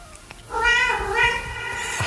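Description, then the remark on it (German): A domestic cat lets out a long, drawn-out meow that wavers in pitch, fairly loud, with only faint background noise and no talking, heard at the end of a song. “Das Miauen am Schluss von diesem Song.”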